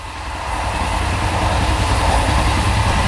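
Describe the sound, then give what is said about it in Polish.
A train rolls steadily along the rails, a loud continuous rumble with a broad rushing hiss that swells slightly and holds, with no voices over it. “Napiszcie nam swoje wspomnienia, skojarzenia albo krótką historię związaną z podróżą koleją.”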